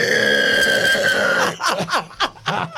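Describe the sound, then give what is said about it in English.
A person imitates a pig squeal: a loud, shrill, sustained squeal held for over a second, followed by several short, choppy snorting grunts. “Do a pig squeal.”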